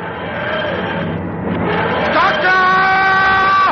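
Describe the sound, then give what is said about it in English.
A car engine roars loudly, its droning tone climbing as it revs, then holding steady at a higher pitch, with a muffled voice underneath. “A car.”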